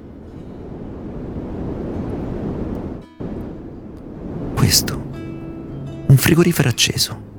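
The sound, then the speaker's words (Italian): A steady low humming drone, like a refrigerator running in the next room, carries on for a few seconds with a brief cut, then a voice speaks over the continuing hum. “Un frigorifero acceso nella stanza accanto.”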